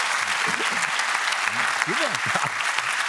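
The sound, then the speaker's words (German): Sustained audience applause, a dense steady wash of many hands clapping at even loudness throughout, with a few indistinct voices murmuring underneath. “Den Applaus haben meine Eltern verdient, die das genau eingetimt haben.”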